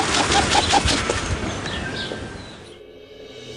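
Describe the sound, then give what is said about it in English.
A New Zealand pigeon (kererū) calls with a few short, repeated notes over a rustling, breathy outdoor background. The sound fades and drops to near silence. “The New Zealand Pigeon. Kereru.”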